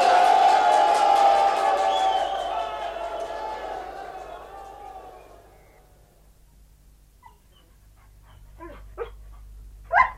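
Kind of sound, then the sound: animal, dogs barking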